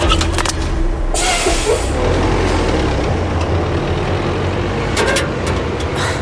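A heavy garbage truck engine rumbles steadily, with two sharp hissing bursts like air brakes releasing, one early and one near the end. No one speaks.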